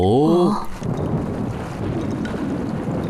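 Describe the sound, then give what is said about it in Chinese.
A brief voice sounds at the start, then a steady, low rumble of distant thunder that has been growing quieter rolls on, muffled and continuous, with a windy, rain-like hiss in the background. “对，博士，从刚才开始，雷声就变小了。”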